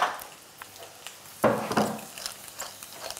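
A potato cake of sliced potatoes, crispy on the underside and just turned, drops back into a hot frying pan with a quick soft clatter midway, followed by a brief burst of sizzling that settles into quiet frying. Nobody speaks.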